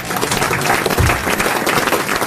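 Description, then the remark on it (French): An audience applauds steadily, a dense wash of many hands clapping at a constant loud level, with no voices standing out. “Ne m'applaudissez pas, comme disait Isabelle Mergaud, c'est mon métier.”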